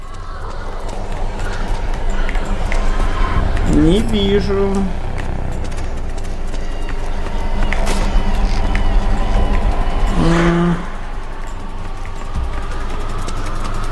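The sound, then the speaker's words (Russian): Repeated footsteps coming from two sides and converging thud and tap over a constant low rumble, fairly loud, while a person speaks briefly and tonal voice-like sounds rise now and then. “Непонятно, тут шаги с двух сторон сходятся.”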